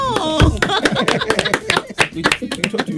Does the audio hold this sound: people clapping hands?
yes